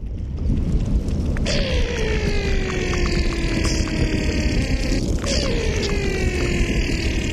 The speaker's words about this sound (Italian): Da una decina d'anni Ludwig Berger, artista sonoro tedesco, registra la sofferenza del ghiacciaio che si scioglie andando a scovarla in profondità.